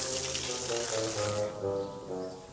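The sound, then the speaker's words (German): Water gurgles as it drains away from a basin that keepers have cleaned with a water hose, with wobbling, hollow tones shifting in pitch over a hiss of running water that fades out halfway through. Steady and moderately loud, with no voices. “Das lieben die Pfleger, gluckernd ablaufendes Wasser.”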